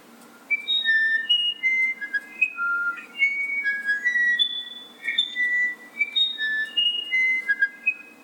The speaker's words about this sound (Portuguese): Esse é o Irapuru do Amazonas. Esse é o Irapuru do Amazonas. Tem vários Irapuru. A gente fez a pesquisa. Esse é do Amazonas, né?